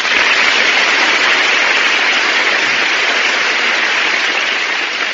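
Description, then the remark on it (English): A studio audience of the radio program The Big Show breaks into loud, sustained applause for Phil Silvers, a dense steady wash of clapping that holds at full strength for about five seconds with no voices over it. “My goodness, that's the biggest round of applause I ever got.”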